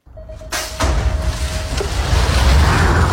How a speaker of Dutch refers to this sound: This sound is music to my ears, zet Kierman erbij. Het geluid van het vallende starthek en de langs zoevende wielen, de fietsen die bij sprongen